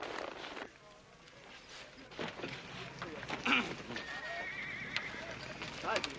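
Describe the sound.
A horse whinnies in high, wavering bursts while hooves clop unevenly, set against a busy outdoor background with some indistinct voices.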